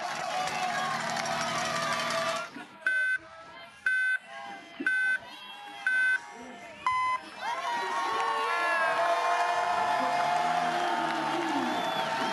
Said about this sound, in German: Jubelrufe mit diesen Helmen die Rampe herunter. Man sieht nicht mehr, was die Rice machen, aber Remco Evenepoel, der Weltmeister, ist unterwegs.